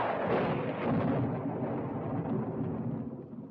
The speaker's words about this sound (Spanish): No te asustan los truenos, ¿verdad que no?